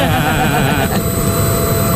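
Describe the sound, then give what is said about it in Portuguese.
A vacuum cleaner runs loudly and steadily, a broad rushing roar with a high, thin whine on top that wavers briefly partway through before settling back. “E depois o som do barulho do aspirador.”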